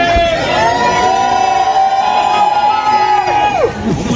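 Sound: fans cheering and shouting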